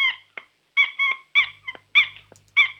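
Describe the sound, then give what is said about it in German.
A squeaky toy turtle being squeezed: about half a dozen shrill, tonal squeaks in quick, uneven succession, interspersed with shorter chirps, with no one speaking. “Eine Schildkröte, die quietschen kann.”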